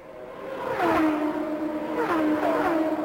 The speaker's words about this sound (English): Michael Andretti building back up to speed on the back stretch as this race continues under yellow, under green